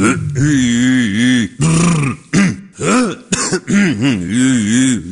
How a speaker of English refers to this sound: Before we go on the air, I clear my voice a little bit. Here's what I normally do.